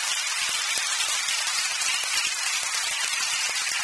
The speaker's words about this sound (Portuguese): Você está feliz em ver o nosso pastor se recuperar? Amém? Você quer dar uma salva de palmas ao Senhor Jesus?